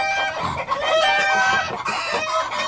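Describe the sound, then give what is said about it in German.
A flock of chickens clucks and cackles busily in overlapping bursts, fairly loud, with a continuous chattering texture throughout and no voices. “Das fanden die Hühner so lustig, dass sie gar nicht mehr mit dem Lachen aufhören konnten.”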